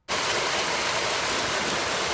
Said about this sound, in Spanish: Esta fuerte granizada ha caído en Cuenca.